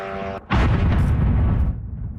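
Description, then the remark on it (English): A Russian drone strikes an apartment building in Kyiv, Ukraine: a brief buzzing engine tone cuts off, then a single loud blast erupts and rolls into a heavy rumble that slowly fades. No voices. “That's one drone hitting an apartment building in Kyiv.”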